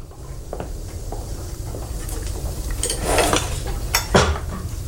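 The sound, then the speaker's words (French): Cutlery and dishes clink intermittently as a man dines with his wife, with sharp scrapes and taps of silverware against plates over a low, steady background hum and no talking. “Un soir, alors qu'il dîne avec sa femme, le calme du repas est soudainement interrompu”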